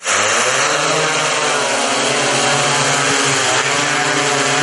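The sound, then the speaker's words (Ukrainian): A night drone equipped with a thermal imaging camera in operation, its propellers buzzing steadily and loudly throughout, a dense mechanical whine with layered harmonic tones that hold nearly constant pitch, no voices present. “А це вже в роботі нічний дрон, оснащений тепловізійною камерою.”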